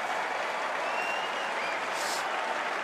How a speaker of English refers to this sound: The crowd now, some on their feet, applauding.